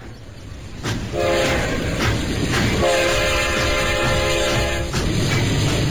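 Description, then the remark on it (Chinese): A moving train carrying Zhang Guotao south to Shanghai rumbles steadily with rhythmic wheel clacks while a loud, sustained horn sounds in two long blasts. No one speaks. “就在张国焘乘火车南下上海的途中”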